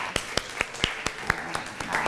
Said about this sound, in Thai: ลองมาดูตัวแทนจากห้องต้นทางเลยขอเสียงปรบมือให้เพื่อนของเราหน่อยค่ะ